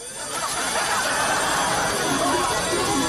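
An old-model slot machine, powered up by a cheating device, sounds its jackpot jingle: a bright, steady cascade of electronic chimes and bell-like tones at full loudness for about three seconds.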